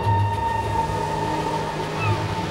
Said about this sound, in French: C'est la grande époque des chemins de fer. Depuis peu, les trains à vapeur sillonnent la France à toute berzingue. Tchou-tchou!